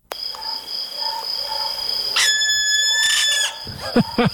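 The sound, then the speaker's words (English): A barn owl gives short, harsh, raspy screeches, one burst then a couple more, over a steady high-pitched insect-like drone, followed by a few quick squeaky calls near the end. “This is the barn owl screech.”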